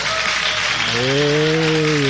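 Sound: studio applause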